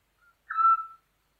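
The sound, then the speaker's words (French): A Eurasian scops owl gives a single soft, mellow whistled note, preceded by a faint brief hint. The call is clear against an otherwise silent background. “En France, on rencontre le petit duc essentiellement en région méditerranéenne, dont l'Ardèche.”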